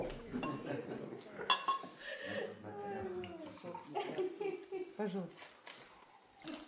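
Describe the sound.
Water is poured into a glass for the defendant in a courtroom, with a few sharp clinks of glassware, while voices murmur and talk faintly in the background.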